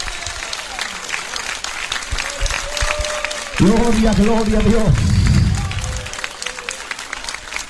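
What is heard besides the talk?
loud applause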